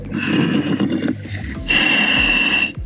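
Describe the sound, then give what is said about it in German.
A diver breathes over an underwater radio while descending on a chain in the Mummelsee: two long, loud, rasping breaths with a wheezy, whistling edge and a pause between them, and no talking. “Jetzt hört man ihn richtig atmen.”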